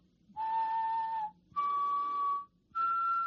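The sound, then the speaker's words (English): Someone whistles three sustained, clear notes stepping upward like a major triad into a microphone to search a song website for the melody, each note held about a second with short gaps between, steady, with no talking. “simple major triad, and it will show you how many songs we have.”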